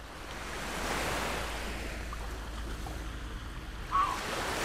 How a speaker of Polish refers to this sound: Mewy już są. Jeszcze powinna być syrena okrętowa, żebyście poczuli, że jesteśmy nad morzem.